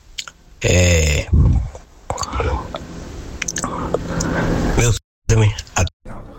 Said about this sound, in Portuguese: Rapaz, tá mastigando. Ele tá mastigando, aí ou ele bem fala ou bem mastiga. É, acho que ele tava comendo na hora. Ali ficou difícil. Almoçando.